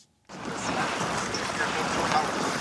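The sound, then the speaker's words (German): The huge brownish water masses of the Yangtze River rush past the bank at the edge of Changzhou in eastern China, beneath a cable-stayed bridge, in a steady, dense roar that starts abruptly and holds at an even, fairly loud level, with a slightly windy, open-air quality. “Hier am Ufer, am Rande der ostchinesischen Stadt Changzhou, rauschen die gewaltigen bräunlichen Wassermassen des Yangtze entlang.”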